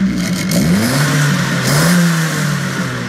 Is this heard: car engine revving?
yes